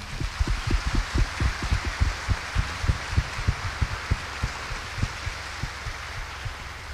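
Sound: warm round of applause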